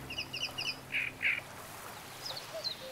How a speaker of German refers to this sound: Im Röhricht hat ein Drosselrohrsänger sein Revier. Er ist nicht allein.